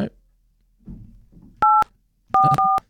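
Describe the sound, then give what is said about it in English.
Three loud touch-tone beeps from a phone keypad as a winning number is dialed, one tone and then a quick pair, with low muffled talking before and underneath them. “I'm just reading the number while I'm putting it in.”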